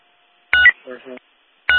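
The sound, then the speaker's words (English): Dispatch radio alarm tones: a loud, harsh electronic burst, a short run of softer stepped beeps, then a second harsh burst, all abrupt with silence around them. “We're getting an alarm.”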